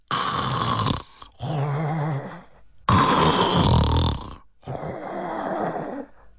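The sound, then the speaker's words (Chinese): A voice imitates snoring in a steady rhythm, four loud snores with brief pauses between them, each a rough, rattling drawn breath, portraying a wine-shop keeper asleep behind the counter in a storytelling of Wu Song. “武松啊沉住气了，仔细这么一听，有打呼噜的声音。”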